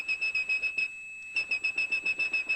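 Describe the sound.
A person whistles a single high, piercing 2600 hertz tone, the telephone switching-system tone meaning a call had ended, that pulses in quick, even bursts, holds steady for a brief moment midway, then resumes the rapid pulsing, fairly loud.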